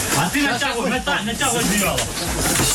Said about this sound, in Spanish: Escuchábamos el grito de un bebé al comienzo y a continuación a los equipos de rescate recuperando bajo los escombros de un edificio los cuerpos de varios supervivientes tras un ataque ruso en el que han muerto dos personas,